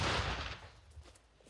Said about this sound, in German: Geschütz geladen. Luty, Feuer frei. Achtung, Feuer. Ein Schlag.